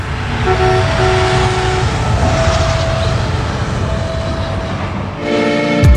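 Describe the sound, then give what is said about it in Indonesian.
A train rumbles loudly past a level crossing, its steady roar filling the scene while the horn sounds in long sustained blasts, with a final horn burst near the end. “pasal 110 ayat 4 sudah jelas menyebut, pintu perlintasan pada perpotongan sebidang berfungsi untuk mengamankan perjalanan kereta.”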